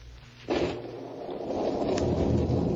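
Steady, heavy rain on a street as Joe Martin trudges toward Benedict's pawn shop sets in after a brief lull and keeps pouring as a dense hiss, with a low stormy rumble underneath and no voices.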